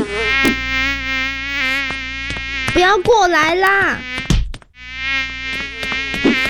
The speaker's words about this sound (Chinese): 哎呀，头上怎么那么多苍蝇？